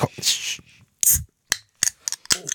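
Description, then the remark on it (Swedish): A bottle of raspberry soda is twisted open: a few bursts of bright, fizzy hissing followed by several sharp, quick clicks and snaps, moderately loud and without talk. “Jag har ju en liten tradition, det är ju att varje fredag så måste jag ju öppna min hallonsoda.”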